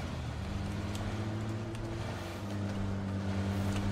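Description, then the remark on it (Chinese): A moving motorcycle's engine, near the blue map marker, drones steadily and loudly, holding a constant low rumble for the whole stretch with no one speaking. “那有个摩托车在动，那附近肯定有人吧？”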